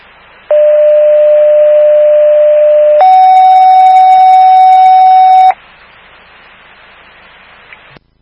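A fire dispatch alert tone over radio for fire station 25, sent for a CO alarm sounding at 791 Tinkham Road: a loud, steady lower tone for about two and a half seconds, then a higher tone of similar length, over constant radio hiss that continues afterward.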